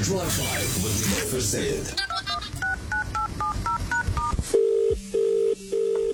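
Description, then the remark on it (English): A rapid string of about eight touch-tone dialing beeps, followed by a loud, steady telephone ring tone that pulses on and off several times, with a brief busy, noisy stretch before the dialing. “Imagine answering the phone and skipping the hello, hi, or even what kind altogether.”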